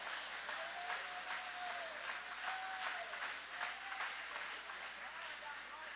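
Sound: audience applauding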